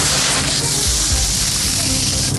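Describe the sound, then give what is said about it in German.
Sand from the sandy beach of a bathing lake trickles steadily off a shovel in a continuous, grainy hiss, fairly loud and even throughout with a faint low rumble underneath and no voices. “Ich habe das Gefühl, du gehst mit einer Schaufel oder irgendetwas rein und dann rieselt es.”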